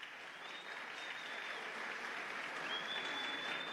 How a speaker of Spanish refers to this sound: Solo aplausos sin gritos.